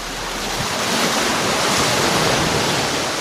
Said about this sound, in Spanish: El viento del mar me despeina. Huele a fiesta y a salitre. Estoy en Sitges.